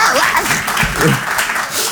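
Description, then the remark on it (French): A crowd claps steadily, a dense wash of many hands, with a brief murmur of voices mixed in beneath the ovation. “Oh, applaudissez pas.”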